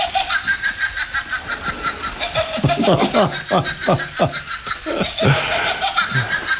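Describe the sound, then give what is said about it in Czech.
A witch's cackle from a battery-powered witch figure hanging beside a curtain: a rapid run of staccato, falling laugh bursts, fairly loud, with a steady high-pitched background tone running throughout. “A je to postavička čarodějnice, ano. Která vydává takovéto zvuky.”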